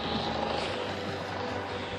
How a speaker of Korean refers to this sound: 헬기는 보이기 전에 소리부터 들렸습니다. 몇백 미터까지 다가온 다음에야 눈으로도 포착했죠.